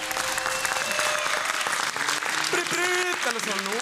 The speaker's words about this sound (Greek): Ένα χειροκρότημα!